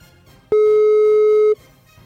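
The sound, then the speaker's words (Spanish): A single steady electronic tone lasting about a second, like a phone line ringing through an earpiece, loud and clear against a quiet background with no one answering. “por tercera vez no contestó.”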